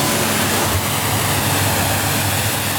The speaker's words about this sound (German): Sagt der Werftsbesitzer zu Wallenstadt und spritzt gerade das nächste Motorboot ab.